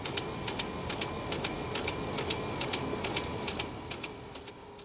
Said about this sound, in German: Die auf diese Weise ermittelten Daten können schließlich von einem Drucker als Messreihe ausgegeben werden.